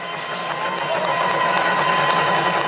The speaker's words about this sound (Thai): ขอเสียงปรบมือต้อนรับท่านส.ส.